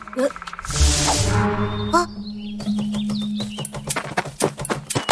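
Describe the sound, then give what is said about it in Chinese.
A woodpecker pecks in a quick, uneven burst of sharp, dry taps that grows louder toward the end, after a stretch of high bird chirps and whistles over a low steady hum. “是啄木鸟。 啄木鸟是森林的医生，肯定对这地方很了解。”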